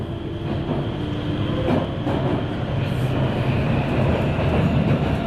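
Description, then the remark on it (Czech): A Prague metro train rolls at steady speed across the Nusle Bridge, its loud, continuous low rumble accompanied by faint rhythmic wheel clatter and a hissing roar throughout. No one speaks. “V devadesátkách jsem většinou nastupoval buď na Muzeu nebo na Pavláku a po chvíli jízdy cítil, jak souprava metra projíždí Nuselákem”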